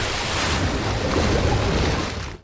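A body plunging into dark water comes across as a loud, steady roar of churning, rushing water that fills the space for about two seconds, then cuts off abruptly.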